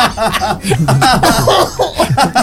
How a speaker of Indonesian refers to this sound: Aduh, sampai batuk.